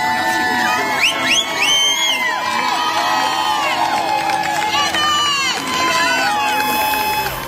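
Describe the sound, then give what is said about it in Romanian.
A large crowd of hundreds of women gathered in the United States in support of a mother cheers, chants and shouts together in a loud, continuous swell of overlapping voices, with whoops rising above the din throughout. “Ați urmărit imagini din Statele Unite, unde sute de femei s-au adunat în sprijinul mamei care și-a ucis cei trei copii în 2023.”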